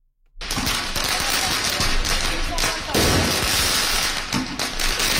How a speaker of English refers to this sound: Student protesters launching firecrackers at riot police in a Paris suburb.